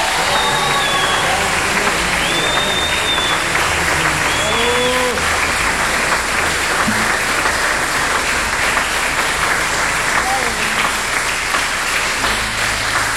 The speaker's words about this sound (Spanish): Un fuerte aplauso, muchas felicidades.